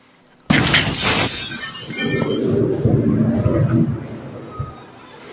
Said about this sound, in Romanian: Explozie devastatoare într-un sat din Myanmar aflat la granița, în apropierea graniței cu China.